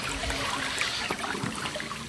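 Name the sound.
river water flowing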